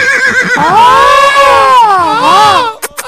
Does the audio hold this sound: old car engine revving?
no